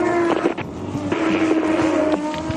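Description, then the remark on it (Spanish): Loud, continuous engine roar from touring race cars in a Turismo Carretera race, driving through curve 8, the high droning whine wavering in pitch as the cars go past, with no voices. “Ahí van los autos.”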